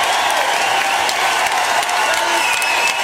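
Steady, dense applause from a large audience fills the whole stretch, loud, with many overlapping claps forming a continuous wash and faint crowd murmur mixed in.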